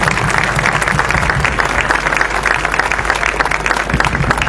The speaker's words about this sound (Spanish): Así que fuertes los aplausos para ellos, para todos ustedes.